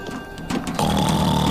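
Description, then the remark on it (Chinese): A loud, rough snore from a bear cub sleeping on a boat's deck, a drawn-out buzzing breath that swells even louder partway through, with no talking. “哇哦，华丽，你打呼的声音好响啊！”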